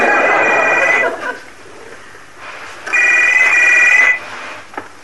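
A faulty telephone gives a shrill, warbling ring twice, two bursts of about a second each separated by a pause, with a thin, slightly broken electronic tone, loud with no talking.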